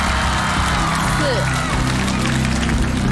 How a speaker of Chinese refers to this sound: 现场的朋友们啊，继续掌声、欢呼声、呐喊声，在你们的见证下，新的记录能否产生，就靠你们了。